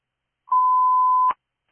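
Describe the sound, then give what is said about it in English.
A single steady electronic radio dispatch alert tone holds one pitch for just under a second, then cuts off with a brief click, clear with no voices. “you can disregard tones.”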